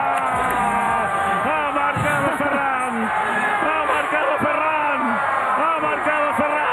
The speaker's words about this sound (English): By the way, you know what I loved? It's like, it was like all the producers or spotters or whoever, they all yelled at the same time.